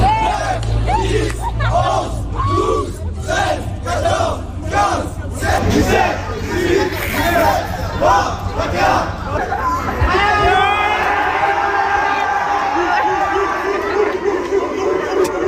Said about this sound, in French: Alors, vous devinerez avec l'enthousiasme de la foule qui était formée de lycéens autour que c'est le lycéen qui a battu le policier.